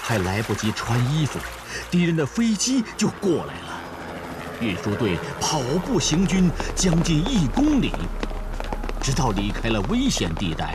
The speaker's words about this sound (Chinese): 快，大家都跟着下了水。隆冬时节，西北风卷着小雪，河上还漂浮着薄冰块